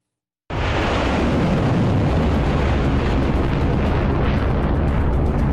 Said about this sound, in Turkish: Patlamalar yaşandı, alevler yükseldi. Hürmüz Boğazı'nda tansiyon düşmüyor. ABD, İran'ın 5 petrol tankerini imha etti.